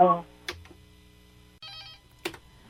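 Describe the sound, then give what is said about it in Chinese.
A telephone rings for an incoming call with a short, bright electronic trill. A brief voice and a few clicks are heard, and it is otherwise quiet. “一直咧接电话。”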